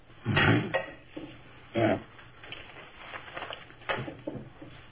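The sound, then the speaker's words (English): Keys and pocket contents are dropped onto a table: a loud clattering thump, then a second, followed by softer irregular clinks and knocks with pauses between. “Keys.”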